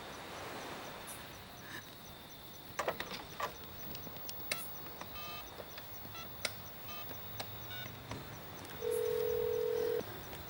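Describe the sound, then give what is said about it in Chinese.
A telephone being dialed: a run of irregular button clicks and beeps, followed near the end by a steady, fairly loud electronic ringing tone lasting about a second. “喂，珍珠接电话，珍珠接电话。我不想听机器人说话。”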